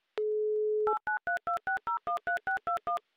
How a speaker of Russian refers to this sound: Набрал номер телефона Ольги.